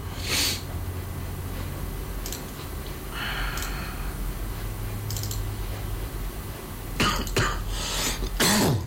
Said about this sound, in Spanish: Y no se me quita la tos de chucho. Bueno, tos de chucho que cargo.